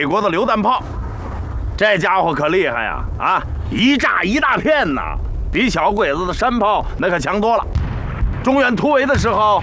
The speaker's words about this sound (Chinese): 这是美国的榴弹炮，这家伙可厉害呀！啊，一炸一大片呐，比小鬼子的山炮那可强多了。